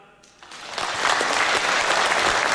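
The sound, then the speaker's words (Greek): Applause from a crowd rises quickly and swells into steady, dense clapping that fills the space, loud and sustained with many hands at once. “Το χειροκρότημα είναι το λιγότερο.”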